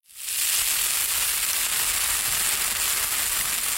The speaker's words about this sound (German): Lecker, da brutzeln sie in der Pfanne, die evangelischen und die katholischen Bratwürste.